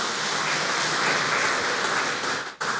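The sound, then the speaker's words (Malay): An audience claps for the children, a dense wash of many hands sustained at an even, fairly loud level, with a brief dip near the end before the clapping resumes. “Sekali lagi tepuk tangan Bapak Ibu.”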